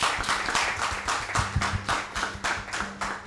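A crowd breaks into steady applause, many hands clapping at once in a dense, crackling wash that holds at an even, fairly loud level for a few seconds.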